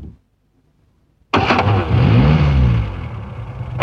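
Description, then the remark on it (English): After about a second of silence, a van engine abruptly turns over and roars to life, its low rumble climbing in pitch as it revs and pulls away, staying loud until the end. “He said goodbye to his cousin and crawled into the hamper just as it was being put into the van.”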